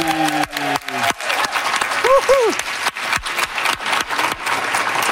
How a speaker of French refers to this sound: Applaudissez bien fort, Laurent Duvernay-Tardif!